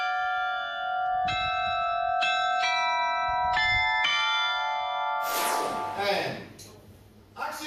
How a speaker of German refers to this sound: Dank der 16 Glocken haben sie jetzt die Auswahl aus 44 Liedern. Aber wie klingt er denn nun, der alte neue Glockenspielturm?